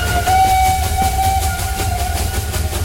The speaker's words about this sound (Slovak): Lokomotíva plnou parou vletela do stanice. Rozvíril sa sneh a oslepil im oči.